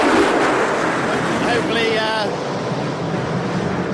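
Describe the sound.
A loud, steady rumbling roar of the secondary aircraft flyover at a motor race fills the whole clip, with faint wavering tones drifting through it midway and muffled voices barely showing underneath.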